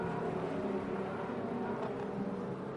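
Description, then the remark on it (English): The CrowdStrike race car pulls away from a pit stop after refuelling, its engine giving a steady, loud droning roar with a low harmonic hum throughout and no voices. “It's 7 seconds and counting, and off and away goes CrowdStrike.”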